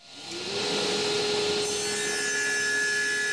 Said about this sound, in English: The sawdust is flying in the Makerspace wood shop when I visit on a Tuesday afternoon.